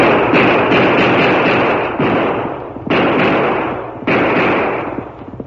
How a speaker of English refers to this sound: Twelve shots rang out through the silent night.